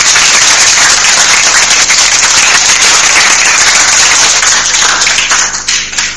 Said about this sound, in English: A round of applause for that.